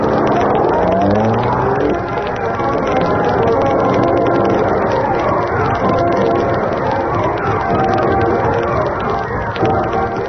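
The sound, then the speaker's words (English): The engine of the Black Beauty car drives along loud, its pitch climbing briefly at the start before settling into a steady, continuous roar for the rest of the stretch. “He and Cato parked the Black Beauty in the shadows a short distance behind.”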